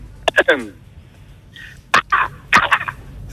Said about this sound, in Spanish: El primero, el cuervo, ¿no?